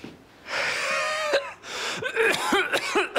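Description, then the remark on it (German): Heavy breathing in and out through an open mouth, as instructed during a medical examination: one long, loud, raspy breath, then a brief pause and several shorter, harsher breaths with a rough, slightly voiced, gasping edge. “Starkes Atemgeräusch.”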